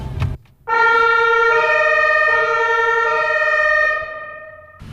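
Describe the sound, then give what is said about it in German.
A loud fire engine siren blares, a steady harmonic wail that shifts pitch in a few stepped tones over several seconds, with engine rumble underneath; heard from the passenger seat inside the fire engine as its blue lights flash. “Blinkt blau. Jetzt wird's spannend. Alarm, Alarm.”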